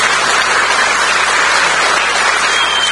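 Steady, dense applause from a crowd at a party meeting, a warm ovation for outgoing party secretary Stelios Kontadakis: a continuous crackle of many hands clapping at an even level for the full few seconds, with no voices over it.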